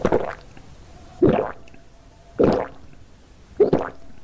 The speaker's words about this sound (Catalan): Així, amb ganes, és com hem de beure aigua aquestes setmanes en les quals, sense adonar-nos-en, se'ns evapora la hidratació corporal.